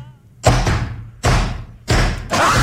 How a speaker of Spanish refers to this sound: 1, 2, 3 y tocado la puerta.